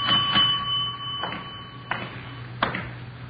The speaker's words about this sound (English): Nobody at the desk. I'll ring the bell.